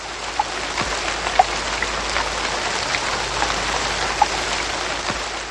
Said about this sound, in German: Sogar der Himmel färbte sich trüb. Graue Wolken zogen auf und es regnete tagelang.